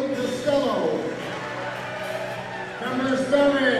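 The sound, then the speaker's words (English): A loud, steady roar of crowd noise fills the DGF High School gym at a high school volleyball match as the starting lineups are announced, with many overlapping voices and occasional louder swells, holding constant throughout without pause. “This is pretty loud in here tonight, folks. You can maybe hear a little bit in the background just what we've got going here as they announce the lineups.”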